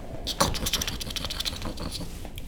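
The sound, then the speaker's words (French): Two small mice gnawing on a branch: a steady stream of rapid, dry scratching and crunching clicks, bright and crisp, continuing without pause and with no voices. “Il se retourne et au bout de la branche, deux petites souris qui grignotent gentiment la branche sur laquelle il est assis.”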